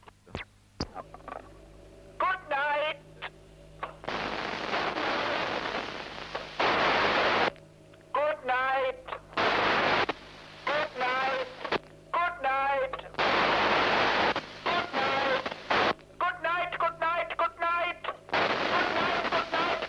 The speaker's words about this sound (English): The operator speaks for 2.5 seconds, and then listens to the echo. Notice the varying strength of the echo, caused by the very slight wobble of the moon, and the change of pitch caused by the Doppler effect.